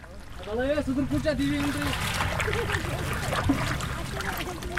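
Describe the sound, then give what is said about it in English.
Steady splashing and sloshing of water as a small wooden boat with a cushioned seat and canopy is rowed across Wular lake by a 19-year-old boatman (shikarawala) using a traditional heart-shaped paddle, with a person's voice sounding over the continuous paddling noise. “he's alternating between using the motor and skillfully rowing with the traditional heart-shaped”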